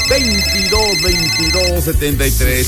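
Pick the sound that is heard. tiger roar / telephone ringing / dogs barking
telephone ringing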